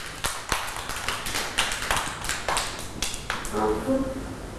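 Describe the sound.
A group of children in a classroom clap their hands for a classmate in quick, uneven bursts of sharp claps. Faint voices rise near the end.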